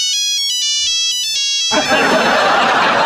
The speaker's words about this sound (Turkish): Tam o anda telefonu çaldı.